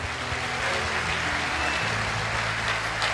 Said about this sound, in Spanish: Alguien que le dé un mejor aplauso al Rey.